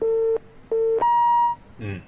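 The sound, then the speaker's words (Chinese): A telephone busy tone after a caller's line drops during a phone-in programme: two short, steady low beeps with a brief gap, then a higher, longer tone, followed by a faint, brief voice-like burst at the end. “这朋友电话掉线了是吧？”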